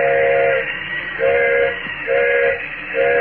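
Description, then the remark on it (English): A steam train whistle sounds in a series of short, loud blasts, roughly four evenly spaced toots over a steady rumbling background of the train, with no voices. The engineer is whistling for a flagman while the train is stopped up in the mountains at night. “Engineer's whistling for a flagman.”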